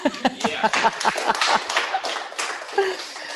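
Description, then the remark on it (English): A small group claps for a few seconds, sharp overlapping hand claps in a quick steady patter, with voices briefly talking and calling out underneath. “I feel like we should clap.”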